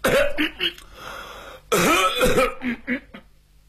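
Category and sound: human body sound, two coughs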